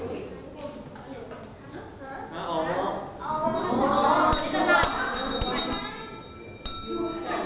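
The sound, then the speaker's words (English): A small bell is struck several times in quick succession during a picture-guessing quiz game where players hit the bell to answer, producing bright ringing dings that linger, while people talk continuously in the background. “If you know the answer, just hit the bell only one time, okay?”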